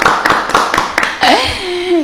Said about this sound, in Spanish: Fuerte aplauso para él. Fuerte el aplauso.